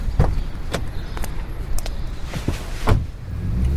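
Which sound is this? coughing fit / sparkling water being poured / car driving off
car driving off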